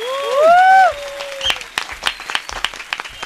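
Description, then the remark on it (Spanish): An audience breaks into applause, a dense patter of many hands clapping at an irregular rhythm, preceded by a brief sliding vocal cry that rises and falls before the clapping takes over. “Colombia es amor, felicidad. Aplausos.”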